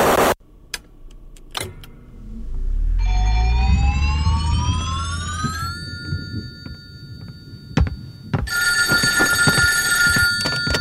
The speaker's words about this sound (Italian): Erano le 1:40 del mattino quando mi squilla il telefono